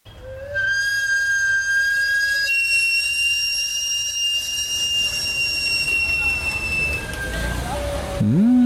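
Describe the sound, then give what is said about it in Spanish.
A long, steady steam whistle from a vendor's cart selling roasted plantains and sweet potatoes, sounded through a vertical exhaust, shrieks at a high pitch with layered overtones for several seconds, then gives way to a lower rumbling hiss. “Este prolongado silbido hace agua a la boca. Significa dulces y deliciosos plátanos o camotes asados cubiertos de azúcar o de leche azucarada.”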